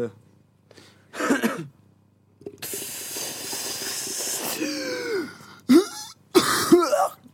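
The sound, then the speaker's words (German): Harsh coughs and throat-clearing bursts hit the microphone, split by a long, loud hissing rush of breath, with a few more rough coughs at the end. “In dein Mikrofon husten.”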